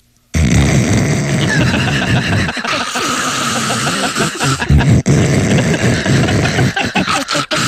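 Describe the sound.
A voice imitates a gurgling coffee maker: a loud, continuous raspy sputter with wavering pitch, running for about seven seconds and breaking into choppy bursts near the end.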